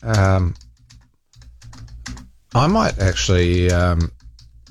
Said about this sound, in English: I'm just quickly typing that in.